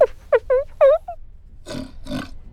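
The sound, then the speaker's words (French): A pig in a library grunts in a quick run of five short, tonal oinks, followed after a pause by two rougher, breathy snorts. “Tu entends? Mais c'est un grognement de cochon.”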